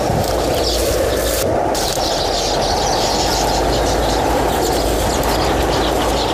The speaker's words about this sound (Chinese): 今天呼啸而过的狂风比往常更加猛烈，鸟巢在风中摇曳着，辛辛苦苦几十天才建成的房子面临被摧毁的危险。